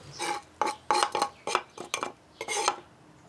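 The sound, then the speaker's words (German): A utensil scrapes and clinks against a bowl while a thick filling of ricotta, Parmesan, thyme, rosemary, oregano, salt, pepper and a splash of herb oil is mixed to fill pasta pockets, about ten short, uneven strokes in a steady stirring rhythm, with no voices. “Ricotta, Parmesan, Thymian, Rosmarin, Oregano, Salz und Pfeffer und ein Schuss Kräuteröl werden vermischt zum Füllen der Teigtaschen.”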